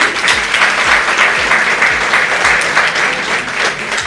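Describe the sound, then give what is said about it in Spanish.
A crowd bursts into sustained applause for Radio Santa Cruz's 28 years, dense and loud clapping holding steady for several seconds with no voices rising above it. “Entonces, para eso pido un aplauso también por estos 28 años.”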